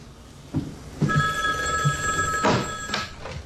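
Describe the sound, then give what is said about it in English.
A black telephone on a little table with a lamp, by a red chair against the wall, rings steadily with a bright metallic trill, moderately loud, with a few soft knocks and rustles in the background. “I'm going to transfer to the phone on the table by the red chair.”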